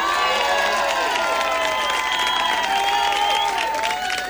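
A crowd applauds and cheers steadily, with loud, continuous clapping mixed with high shouts and whoops that rise and fall throughout, sustained at full strength without a break.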